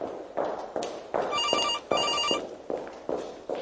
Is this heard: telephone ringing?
yes